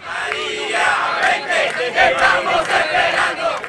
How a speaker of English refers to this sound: To Venezuela's capital now, where hundreds of people have taken to the streets demanding the return of the exiled opposition figure, Maria Corina Machado.